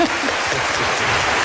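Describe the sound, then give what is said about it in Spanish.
Audience members in a hall who prefer cold weather clap loudly when asked, a dense, steady wash of many hands with no pauses or voices breaking through. “Los del team del frío, a los que le gusta más el frío, que aplaudan fuerte, por favor.”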